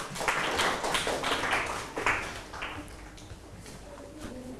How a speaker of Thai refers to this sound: ปรบมือให้หน่อยครับ